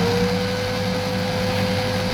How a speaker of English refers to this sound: It's a blender, Julie B. We're making a smoothie.